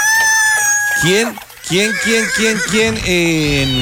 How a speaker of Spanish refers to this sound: Que me diga cómo puede coger uno una gallina, porque es que las gallinas hacen mucha bulla.